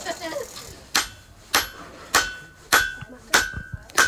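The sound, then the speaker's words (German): A blacksmith's hammer strikes hot metal on an anvil in a steady rhythm, six sharp clangs about half a second apart, each with a bright ringing tail, loud. “schlägt jetzt auf dem Hammer, auch so mit anderen. Und das wird jetzt halt verdrückt und ja.”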